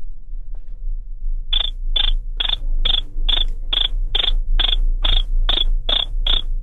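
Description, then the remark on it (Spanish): A person mimics a cricket with a steady run of about a dozen high, shrill chirps, evenly spaced and fairly loud, over a low background hum with no talking. “haz como grillo.”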